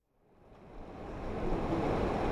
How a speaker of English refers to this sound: The waters of the Truckee River flow through Reno on a sweltering summer afternoon. The headwaters that begin in Tahoe flow all the way to Pyramid Lake, home of the Pyramid Lake Paiute tribe.